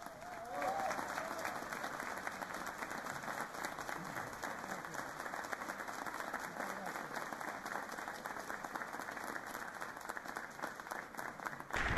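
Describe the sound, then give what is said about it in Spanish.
A large audience applauds steadily and warmly for the choir Las Voces de Calamuchita after its Misa Criolla performance. The dense clapping holds at a constant level for the whole stretch, with faint crowd murmur underneath. “Un aplauso muy grande y agradecimiento a todos sus miembros, al coro Las Voces de Calamuchita.”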